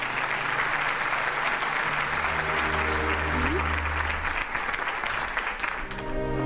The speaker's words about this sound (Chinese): 让我们掌声欢迎她